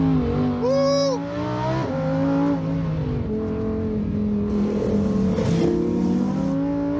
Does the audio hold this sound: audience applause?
no